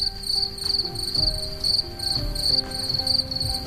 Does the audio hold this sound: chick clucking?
no